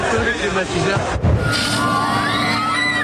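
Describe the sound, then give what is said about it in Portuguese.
A crowd of shoppers shouting and clamoring loudly as they fight over air conditioners and fans in a supermarket in the east of the country, voices overlapping constantly with a dull thump partway through. “Neste supermercado no leste do país, o desespero fez os clientes brigarem por ares condicionados e ventiladores.”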